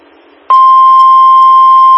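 A loud, steady electronic building alarm tone starts abruptly after a faint hiss and holds continuously at a single high, piercing pitch, with no voices.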